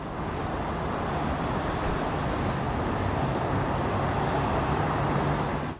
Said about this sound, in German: Die Autos von Steve Witkoff und Jared Kushner verließen den Kreml nach dem Treffen mit Putin.